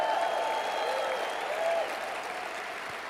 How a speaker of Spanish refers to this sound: si le van a dar un aplauso al Rey de Reyes y Señor de Señores, al Dios Todopoderoso, si le vas a dar un aplauso a papá. Yo creo que tú lo puedes hacer mejor, Agua Viva.